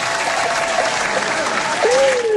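Dense, steady audience applause fills the whole stretch, a broad wash of many hands clapping at an even loudness, with a faint tonal whistle-like line sliding beneath it.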